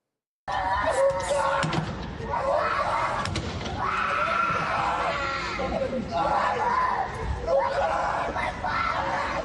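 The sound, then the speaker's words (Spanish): A girl in Ukraine screams repeatedly in high, strained bursts as recruitment center agents try to take her father away by force, amid a chaotic scuffle with several other voices shouting and occasional thuds and bumps. “En estas imágenes veíamos como una niña gritaba mientras agentes de un centro de reclutamiento aprenden y también intentan llevarse a su padre a la fuerza.”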